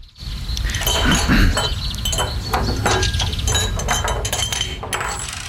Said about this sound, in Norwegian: Ja, skal en stikke et hål på boblo rett og slett, og gjøre det tydelig at den er der? Da er det flere av dere lyttere som mener, og foreslår blant annet litt sånn kremt og klirring.